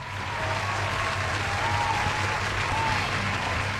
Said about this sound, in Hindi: जिन लोगों ने लिख कर भेजा आपको भी बहुत बहुत दिल से थैंक यू यार, और आपके लिए बहुत जोर वाली तालियाँ।